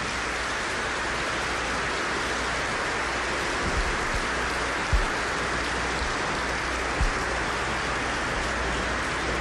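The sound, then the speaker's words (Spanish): A large crowd at a church service applauds the Lord steadily for about nine seconds, a dense, even wash of clapping with a few dull low thumps and no voices. “Por eso, denle un aplauso al Señor, Él está aquí, déselo.”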